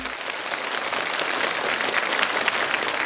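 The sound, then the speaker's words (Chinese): An audience claps steadily, a dense, even wash of applause that holds at a fairly constant loudness for about three seconds with no voices over it, welcoming a person onto a bridge pier for a foam bridge experiment. “再次掌声有请小尼到桥墩上待命。”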